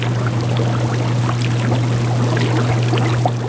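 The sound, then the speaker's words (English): Steady bubbling and pouring water, dense, with a constant low mechanical hum underneath, from aerated aquaculture tanks of kelp and oysters running continuously in a seaside lab of the University of Alaska Fairbanks in Juneau, Alaska. “In their seaside lab, scientists at the University of Alaska Fairbanks dote on bubbling tanks of kelp, oysters, and baby apples.”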